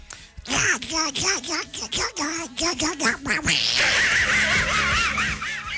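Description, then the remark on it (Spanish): A person does a duck voice, a rapid run of nasal, quacking squawks in a choppy rhythm, close and loud, then other voices break into laughter and chatter. “Buenos días, un muy chiquilla para Moncecita y Sofía con la voz del pato.”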